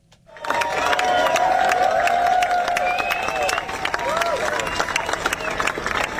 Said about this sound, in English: The crowd applauded as the procession went past.